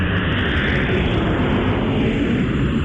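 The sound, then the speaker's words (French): A loud, steady roar of an airplane that has just landed on the tarmac of the airport in Bangui at night, jet engines rumbling continuously for the whole stretch, with no voices. “Un avion vient de se poser sur le tarmac de l'aéroport.”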